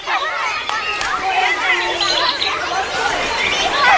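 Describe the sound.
Background chatter in a park: many overlapping voices blend into a steady, indistinct murmur, with a few children's voices rising now and then, continuous throughout.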